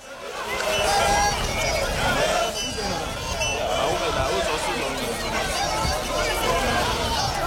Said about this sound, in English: This is thousands, by my estimation, and I'm no audience or crowd expert, but it looked like thousands of people in Tembisa marching, they said, against illegal immigration and crime in the area.